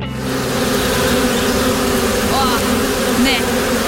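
A wasp buzzes steadily for the whole four seconds, a loud, continuous drone with a rough, layered hum and no talking over it.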